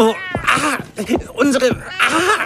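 A cat meows several times in quick succession, drawn-out cries with rising and falling pitch, fairly loud, with no talking in between.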